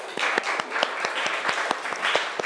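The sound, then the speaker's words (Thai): Students in a classroom clapping together for their classmates, a dense patter of many hands with some sharper individual claps popping out, steady for a couple of seconds, with no one speaking. “ปรบมือเพื่อนหน่อยค่ะ”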